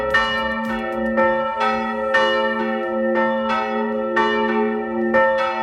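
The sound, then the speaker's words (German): Church bells in Salzburg ring the noon peal at exactly 12 o'clock, pealing steadily with repeated overlapping strikes roughly every second and long, ringing harmonic tones sustaining between them. No voices, just a full, resonant chime filling the scene. “immer dann, wenn die Mittagsglocken um Punkt 12 aus Salzburg kommen.”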